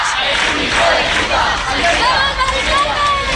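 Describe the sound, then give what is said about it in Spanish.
A crowd of neighbors and activists shouts and yells together in a loud, continuous roar of overlapping voices, with angry cries rising above the steady din, as they try to stop the eviction of an 87-year-old woman carried from her home on a stretcher. “saliendo de su casa en una camilla entre los gritos de los vecinos y de los activistas que han tratado de frenar este desahucio.”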